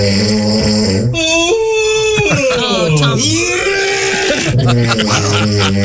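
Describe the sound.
A loud, rasping snore from one person runs into a long, drawn-out yawn from another person, its voiced moan sliding down and back up in pitch before a few shorter groaning breaths close it out.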